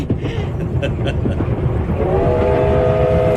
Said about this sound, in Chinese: 火车把平荣带向了远方，转动的车轮也撵走了时光